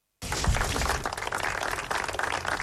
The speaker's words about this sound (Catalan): Amb aquests aplaudiments va acabar el minut de silenci que va tancar la commemoració del 9è aniversari de l'atemptat del 18 d'agost del 2017 a Cambrils, al Baix Camp.